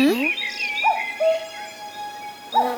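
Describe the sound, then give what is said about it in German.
A cuckoo calls its falling two-note song, then begins again near the end, clear over a soft steady background, with a brief voice at the very start. “Ein Kuckuck. Der kann seinen Namen selber sagen.”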